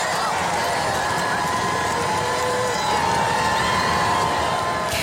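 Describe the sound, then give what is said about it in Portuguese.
A large outdoor festive crowd on the Champs-Élysées in Paris roars and cheers continuously as it receives Pope Leo XIV, a dense wash of many voices shouting and calling out together, loud and steady for the whole stretch with no single voice standing out. “O Papa Leão XIV já está no centro de Paris e foi recebido por uma multidão em festa nos Campos Elíseos.”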